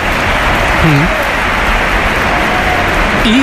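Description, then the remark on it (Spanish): A stadium crowd at the Bernabéu applauds Gonzalo as he is announced at the Real Madrid match against Real Oviedo, a loud, steady wash of dense clapping that holds for the whole stretch, with brief cries or whistles rising out of it now and then. “Aplausos.”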